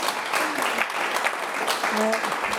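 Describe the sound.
A crowd claps steadily and fairly loudly for a few seconds, a dense wash of many hands, with a voice or two faintly audible underneath near the end.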